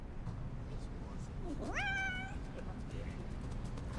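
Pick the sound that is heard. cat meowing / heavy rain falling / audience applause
cat meowing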